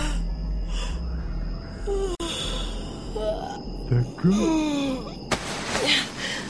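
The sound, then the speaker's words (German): A woman rubs her eyes and yawns, a long voiced breath whose pitch slides up and then sags down before trailing off, over a steady low background hum. “Sie rieb sich die Augen und gähnte.”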